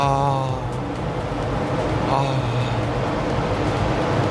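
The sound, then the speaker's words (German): An electric desk fan is switched on and whirs steadily and fairly loudly, a constant airy hum with a faint motor tone at the start that runs unbroken throughout. “Erstmal Ventilator aufdrehen, weil habt ihr auch so ein schönes Ding im Büro?”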